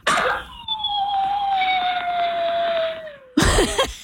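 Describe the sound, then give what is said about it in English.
A dog lets out one long, mournful howl lasting about three seconds, holding a steady tone that slowly sinks in pitch, framed by short rough noisy bursts at the start and end. “That is an actual video sound of our dog who sometimes hasn't learned how to separate from us when we're at work yet.”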